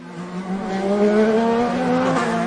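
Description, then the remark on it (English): IndyCar race car engines roar loudly and continuously, their high whining pitch climbing steadily as the cars accelerate, with no voices, racing around the main streets of Washington, D.C. at speeds of almost 200 miles an hour. “Cars are roaring through streets more accustomed to presidential motorcades.”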